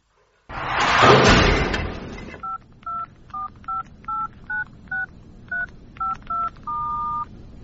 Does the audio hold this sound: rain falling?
no